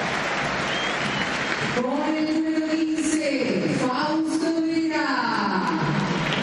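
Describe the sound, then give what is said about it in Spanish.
A steady roar of stadium applause at River Plate's stadium as the team's starting lineup is announced, loud and continuous, with a few shrill whistles and a chanting voice rising above the crowd noise partway through. “Sí, retumba algún silbido.”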